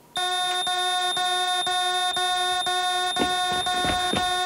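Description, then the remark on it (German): A harsh, steady electronic alarm buzzer from an emergency button pressed as a trial sounds continuously, a loud rasping tone pulsing rapidly about twice per second, with faint clattering noises near the end. “Wenn was ist, Notknopf drücken, Frau Wolf, ja?”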